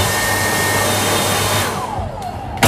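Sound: hair dryer blowing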